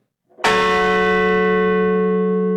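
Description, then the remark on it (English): A single deep memorial bell is struck once near Shanksville, Pennsylvania, at the site where United Airlines Flight 93 crashed into a field, a loud strike with rich overtones that rings on and slowly decays without fading out. No voices are heard. “And near Shanksville in Pennsylvania, a memorial bell was rung and a wreath laid at the site where United Airlines Flight 93 crashed into a field”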